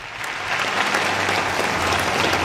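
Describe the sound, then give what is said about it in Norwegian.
A crowd bursts into sustained applause and cheering as Donald Trump launches the US government's new website, a dense, steady wash of clapping that holds at a loud, even level throughout, with no speech over it. “Full jubel da Donald Trump lanserte den amerikanske regjeringen sin nye nettside.”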